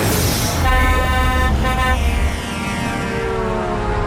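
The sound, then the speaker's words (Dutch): A loud, sustained toot from a guest's horn blares over rumbling traffic noise, then shifts into a second, slightly lower honk that fades out toward the end. “Die gast met zijn toeter hebben we gevraagd”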